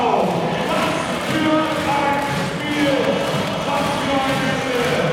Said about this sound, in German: Ich hoffe wirklich, ihr bekommt die Atmo hier aus dem Tollhaus Stadthalle ein wenig mit. Pure Euphorie der knapp 4.500 Zuschauer und das völlig zu Recht, denn sie feiern gerade den höchsten Sieg der Rostock Seawolves in ihrer BBL-Geschichte.